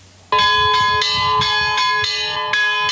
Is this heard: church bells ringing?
yes